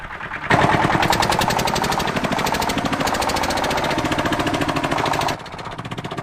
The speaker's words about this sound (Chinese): 现在溜达鸡已经养成习惯，听见拖拉机的声音，条件反射就会跟着跑。